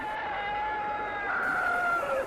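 A rooster crows once from far away while beating its wings, a long, thin, wavering call that holds steady and then sags slightly in pitch at the end, faint against a quiet background.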